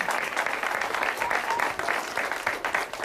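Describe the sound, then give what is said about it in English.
Steady, dense applause from a show audience with children in the front row, many hands clapping continuously at an even level throughout, moderately loud with no talking over it. “I'm rather flattered that you folks clap like you do, because they don't see before the show that, in fact, you got to keep clapping and clapping and clapping, and it's very nice of you.”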